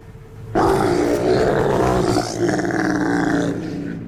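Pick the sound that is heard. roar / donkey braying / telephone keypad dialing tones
roar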